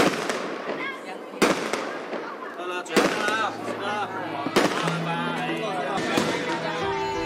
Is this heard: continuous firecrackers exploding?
yes